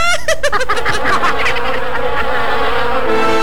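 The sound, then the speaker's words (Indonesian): A loud mosquito buzz drones continuously for a few seconds, its whining pitch wavering and pulsing quickly at first, then settling into a steadier hum. “Jangan biarkan nyamuk berkesempatan menggigit Anda.”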